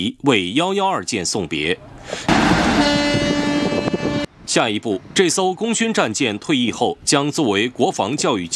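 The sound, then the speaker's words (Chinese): The horns of all warships berthed in the home port blast together to see off the decommissioned Chinese Navy destroyer 112, Harbin, as it leaves port, a loud, sustained, layered tone lasting about two seconds, with someone speaking just before and after it. “离港之际，母港内驻泊的所有战舰拉响汽笛，为112舰送别。”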